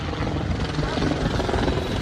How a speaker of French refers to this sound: Puis un hélicoptère survole la plage. Quand on habite à LA, c'est aussi un son dont on devient familier.